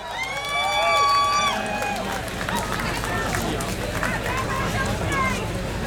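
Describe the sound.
A large crowd at a Pride event in the rain shouts and cheers loudly, with high sustained whoops at the start giving way to a dense, roaring wall of voices that carries on throughout.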